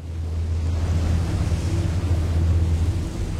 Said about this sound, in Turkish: Hadi gidip eşyaları kampa bırakalım ve bu rüzgardan uzaklaşalım.